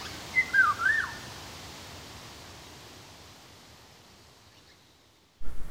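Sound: eurasian golden oriole song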